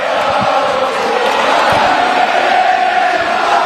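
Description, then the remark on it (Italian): A large football crowd at a Taranto match chants the name of Pablo Aguilera in unison, a dense, steady roar of many voices with a sustained sung tone running through it, holding an even loudness throughout without pauses. “E adesso il pubblico invoca il nome di Pablo Aguilera”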